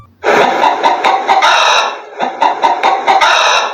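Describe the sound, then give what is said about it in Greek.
A hen clucks loudly and continuously in two bursts of rapid, rhythmic, slightly raspy calls, with a brief pause between them and no one talking. “Ήτανε, παιδιά, τι άλλο κάνει κοκοκό, παρά η κότα.”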